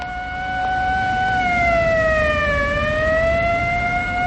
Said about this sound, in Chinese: 新京街上的警车、军车拉着警报呼啸而过，老百姓见了一个个都惊恐万分。